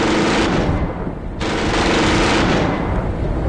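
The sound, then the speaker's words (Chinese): Sustained bursts of rapid automatic gunfire from Type 56 submachine guns aimed at a police car, a dense, loud rattle filling the whole clip with only a brief dip in the middle before the shooting resumes at full intensity. “旁边座位上的年轻刑警却死活打不开车门，而对面的冲锋枪却已经响了。”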